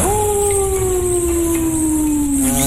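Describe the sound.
A person imitates a wolf howl during a howling challenge, one long, sustained voiced tone that slowly falls in pitch, held loud for nearly three seconds with no other talking.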